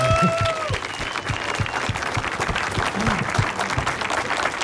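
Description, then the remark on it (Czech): An audience at a book launch bursts into steady, dense applause, many hands clapping together at a constant loud level throughout, with faint murmurs and a brief tonal sound early on. “To chce potlesk.”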